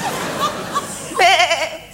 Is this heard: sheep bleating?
yes